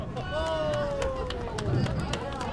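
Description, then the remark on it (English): A birthday girl and her family applaud a bumper-assisted spare at a bowling alley: scattered, uneven handclaps ring out over a steady hubbub of voices, with one voice drawing out a long, sliding cheer. “the birthday girl and her family applaud a bumper-assisted spare.”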